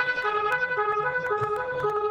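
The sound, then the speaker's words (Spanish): A steady, high electronic ambulance siren tone blares continuously and loudly, holding a fairly constant pitch with little rise or fall, over faint background clatter. “Uy, señor, tiene una ambulancia.”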